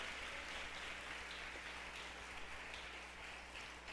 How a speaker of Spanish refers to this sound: ¿Cuántos pueden darle un aplauso a la palabra del Señor? Aleluya.